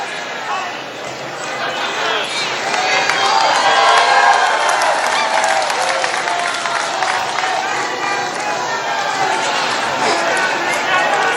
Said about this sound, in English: A lot of crowd reaction. You heard somebody there just yell FCNN.